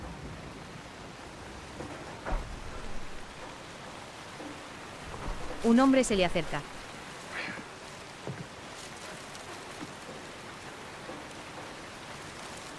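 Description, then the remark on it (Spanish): Steady rain hisses throughout in an alley in front of a shop, where a man sits drinking alcohol at a table, an even wash of falling water at moderate level, with a man's voice speaking briefly partway through. “En un callejón frente a una tienda, Ji-hoon bebe alcohol sentado en una mesa bajo la lluvia.”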